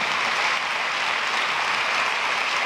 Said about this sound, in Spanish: A los que no vienen a misa nunca y vienen en Semana Santa, bienvenido, vamos a darle un aplauso cariñoso, sin regaño.